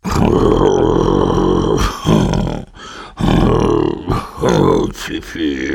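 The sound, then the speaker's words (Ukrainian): A voice imitates human snoring, showing how an uncle and a lady snore, with a few loud, rough, rasping snores drawn out one after another, with short pauses between them. “Тоді показав малому, як дядько Юліус і панна цап хропуть.”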